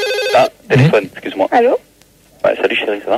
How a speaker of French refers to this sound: Ah, téléphone, excuse-moi. Allô?